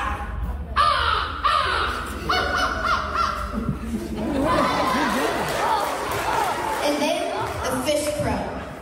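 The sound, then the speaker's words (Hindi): A 12-year-old boy from Oklahoma, USA, mimics bird calls, a run of harsh crow-like caws followed by warbling, chirping whistles, fairly loud over a noisy background with murmuring people. “पक्षियों की ऐसी सटीक आवाजें निकालता है कि इंसान तो क्या, चिड़िया की आवाज पहचानने वाला मोबाइल ऐप भी धोखा खा जाता है।”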